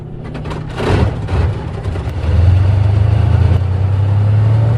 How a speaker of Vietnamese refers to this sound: Trên thao trường huấn luyện chuyên ngành của Lữ đoàn Tăng thiết giáp 409 Quân khu 1, tiếng động cơ của những cỗ máy thép T-54B dồn dập vang lên. Ngay khi khẩu lệnh vừa dứt, các kiếp xe nhanh chóng cơ động vào vị trí, triển khai đội hình